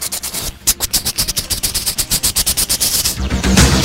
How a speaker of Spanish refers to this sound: Muy bien el helicóptero.